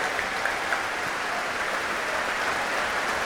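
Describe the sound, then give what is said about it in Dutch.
Steady, dense applause from a concert audience for solo oboist Alexei Ogrinchuk, a continuous wash of many hands clapping at an even loudness with no voices standing out. “Groot applaus nu voor Alexei Ogrinchuk, de solo-hoboist.”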